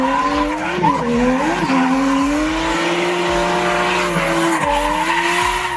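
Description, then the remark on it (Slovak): A drifting car with a sustained, wavering tire squeal over a loud engine roar, continuous for several seconds with the pitch bending up and down as the car slides. “Tak, tak, je to driftujúce auto.”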